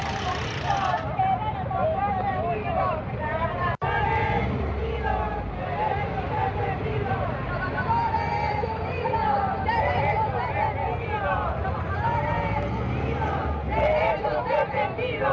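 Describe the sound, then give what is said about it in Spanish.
Protesters at a road blockade sit-in at one of the main entrances to the Mexican Social Security Institute (IMSS) hospital in Taxco, Mexico, chanting slogans: a steady outdoor hubbub of many voices talking at once, with traffic rumbling and a brief sharp knock partway through. “Durante varias horas permanecieron en el plantón lanzando consignas en demanda de una respuesta a las exigencias que han venido haciendo hacia el gobierno federal.”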